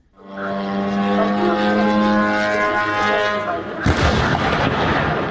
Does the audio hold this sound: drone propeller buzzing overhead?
yes